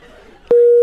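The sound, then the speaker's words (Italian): A loud, steady phone line tone begins abruptly about halfway through, after a short stretch of faint background chatter, as a phone call with a lawyer is cut off, and the tone holds on. “Ho visto che la comunicazione con l'avvocato si è interrotta”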